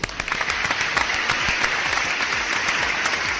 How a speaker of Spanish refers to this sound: Así es que no habrá celulares, no habrá dispositivos electrónicos por órdenes del gobierno, lo cual aplaudo. Es más, voy a poner más aplausos.